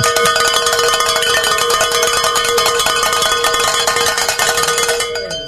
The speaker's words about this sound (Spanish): Digo, diácono, ¿qué le parece si sonamos las campanas? Pues claro, qué bueno, alegría.